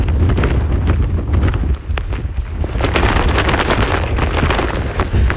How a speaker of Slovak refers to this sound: Tu sa do nás pustil vietor takmer o sile výchra. Toto robí vietor s mojou kapucňou.